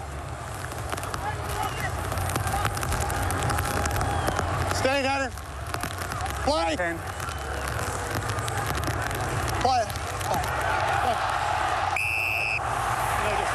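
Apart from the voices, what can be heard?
heavy rain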